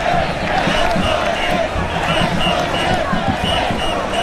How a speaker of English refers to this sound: Down at the very tip of Manhattan Island, the parade is forming and the crowd is already massive and fired up.